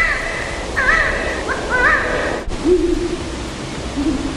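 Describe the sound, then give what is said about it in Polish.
Owl calls recorded for owl monitoring, over steady background hiss: three wavering, higher-pitched screechy notes, then after a brief click, low drawn-out hoots. No one speaks. “a przede wszystkim do monitorowania sów”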